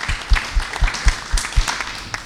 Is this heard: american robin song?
no